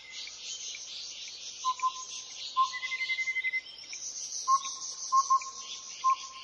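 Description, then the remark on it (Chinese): Clear, whistled bird notes ring out in short bursts and pairs over a steady, dense chorus of buzzing insects at Fushan Botanical Garden in Yilan, Taiwan, with no voices present. “你有多久没有听到这种清脆悦耳的鸟叫声了呢？”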